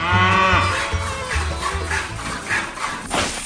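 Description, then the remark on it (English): A loud cow moo sound effect with a deep, drawn-out bellow and strong harmonic bands, followed by a brief rasping breath at the end. “Our first squeeze of the cash cow 2026. Let's see what she's got.”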